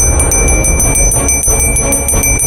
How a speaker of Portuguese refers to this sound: Tô batendo aqui na minha mão. Não é um sino que vem de som de computador. Não, é um sino mesmo. Quer ver que eu vou bater ele de novo?